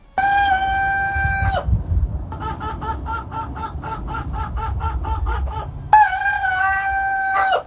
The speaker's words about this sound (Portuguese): Então aqui o galo. O galo primo do Madruguinha tá mandando notícias.